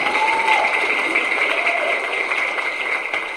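An audience claps steadily throughout, a dense, even wash of applause at close range with no pauses, and a faint whistle or cheer briefly rising above it.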